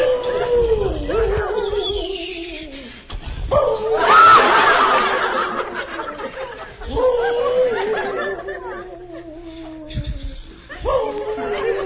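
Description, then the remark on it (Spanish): A man's voice imitates a wolf howling in long, wavering, sliding cries, repeated several times, with brief breathy pauses and a chuckling rasp between howls. “Estoy haciendo mi lobito lo mejor ahí en este mundo, señor.”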